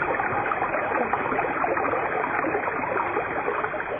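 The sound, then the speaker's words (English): Water from springs runs steadily and continuously at fountain niches, a dense, even rushing and trickling that never pauses, moderately loud, with no voices or other sounds. “In the silence, the sound of the water's running can still be heard.”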